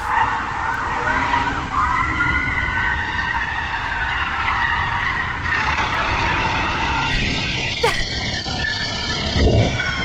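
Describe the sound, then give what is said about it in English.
A police car chases a felon's car on a suburban street: tires screech and skid continuously over roaring engines, loud, with a sharp squeal or impact-like burst near the end. “In a suburban street, that's the police car chasing the felon.”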